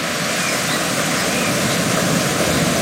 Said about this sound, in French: Vous entendez, elle vient du lac de Helgoat et chute de plusieurs mètres, serpente ensuite entre les rochers. Il s'agit de la rivière d'argent.